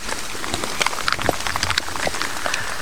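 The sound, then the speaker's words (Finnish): Light drizzling rain patters steadily during a relay race, a dense hiss of many tiny drops with occasional slightly sharper taps, continuous, with no voices. “Vähän vielä vettä vihmoa täällä Venäjän viestissä.”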